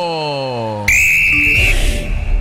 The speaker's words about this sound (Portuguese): Apito árbitro!